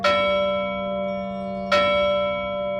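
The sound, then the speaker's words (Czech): A large grave bell, of the kind once placed on graves, is struck twice, about two seconds apart, each strike ringing out with a bright, sustained metallic tone that lingers between hits. Fairly loud, with no talking. “V této místnosti můžete vidět různé typy zvonků a píšťal, které měly být umístěny na hrobech”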